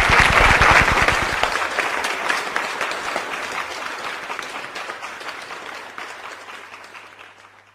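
A crowd applauds in tribute to a writer for Página 12 who has died, with dense, steady clapping that starts loud and gradually fades over several seconds, with no voices on top.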